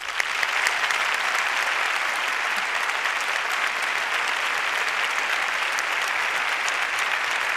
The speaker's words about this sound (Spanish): Para impulsaros, para daros ánimo, este abrazo y este aplauso.